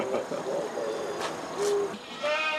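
Goats that got out and roam freely bleat in short, wavering calls, several overlapping in a noisy outdoor scene, with a higher-pitched, quavering cry near the end; moderately loud with no clear speech.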